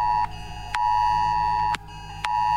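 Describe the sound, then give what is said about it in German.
A loud emergency alert tone from a new smartphone, sounding during an 11 o'clock test warning, blares in a harsh, steady electronic pitch, cutting off and restarting in long on-off pulses with brief pauses between, and no voices present. “Siehst du, neues Handy, jetzt geht die Meldung auch.”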